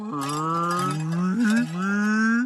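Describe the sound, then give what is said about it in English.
A long, loud cow moo held steady with a rising pitch, followed by a second drawn-out moo, from cows at a launch site, with no one talking. “Why do cows keep coming here to play all of a sudden?”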